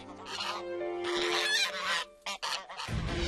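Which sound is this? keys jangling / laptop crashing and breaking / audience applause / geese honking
geese honking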